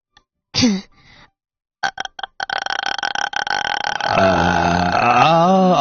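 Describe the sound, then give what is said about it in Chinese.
A vocal fry exercise performed by a ten-year-old: a brief voiced sound, then a crackly train of low creaky pulses that runs into a sustained sung tone sliding up and down in pitch. No speech. “气泡音能不能现场给我们发一个，我看看是什么样的声音。”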